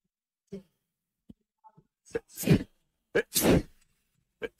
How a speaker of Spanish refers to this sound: Ay, perdón, me agarró la estornudadera.